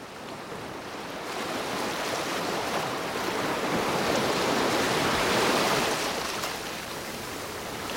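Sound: sea waves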